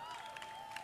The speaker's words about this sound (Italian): Ok, grazie. Applauso.